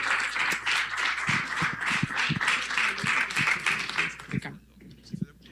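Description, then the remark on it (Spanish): An audience breaks into steady, dense applause that holds at a fairly loud level for about four seconds, then quickly dies away, leaving a few faint sounds at the end. “Entonces, le damos, por favor, un fuerte aplauso, y yo le agradezco, y esperemos que lo tengamos más seguido por acá con estos proyectos.”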